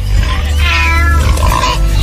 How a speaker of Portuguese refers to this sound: O gato miou.